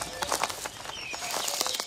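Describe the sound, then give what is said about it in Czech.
Soft chirps and short whistled bird notes flutter over a string of quick rustling bursts like small wings beating, moderately quiet, with no one speaking. “Děkuji vám, ptáčkové.”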